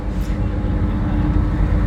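A steady, heavy engine roar from a ferry crossing a lake, dense low rumble with a faint mechanical hum, holding constant and loud throughout without pauses.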